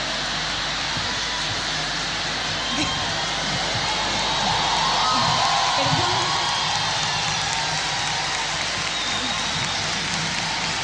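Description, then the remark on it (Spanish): Dense, sustained applause with cheering from a large audience welcoming a performer onto a stage, a broad steady wash of clapping that swells slightly in the middle before holding level. “…, para todos ustedes. Un fuerte aplauso.”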